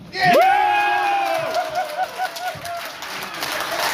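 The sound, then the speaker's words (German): Olympic bid supporters from Schleswig-Holstein, gathered on a Saturday afternoon in a hotel on the Kiel Förde, erupt in cheers and whoops after Federal President Frank-Walter Steinmeier announces the German Olympic bid decision on TV, with a loud rising shout at the start, then sustained jubilant yelling and scattered clapping. “Jubel bei den Olympia-Unterstützern aus Schleswig-Holstein, die hier zusammengekommen sind.”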